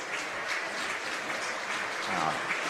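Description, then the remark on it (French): Spectators at a baseball game applaud as pitcher Sakurai leaves the game, a steady, dense wash of clapping that holds at an even level throughout, with a faint voice briefly rising beneath it. “Sakurai qui quitte sous les applaudissements des spectateurs.”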